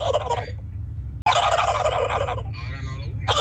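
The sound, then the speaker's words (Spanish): A person showing a hidden talent on the Tropicana radio show imitates a turkey's gobble in loud, rapid warbling bursts, three gobbling calls with brief breaks between them, over a low steady hum. “mi talento oculto es hacer como pavo. Dale, ¿cómo hace el pavo?”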